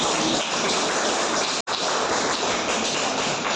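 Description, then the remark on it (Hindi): Children applaud in a steady, dense wash of clapping that fills the whole stretch, broken only by a brief gap partway through before resuming at the same level. “ताली बजा बच्चे।”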